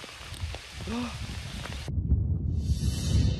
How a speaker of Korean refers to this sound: 우와, 지금 이게 우박이 떨어집니다. 이거 우박이에요, 우박.